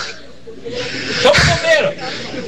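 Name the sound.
heavy breathing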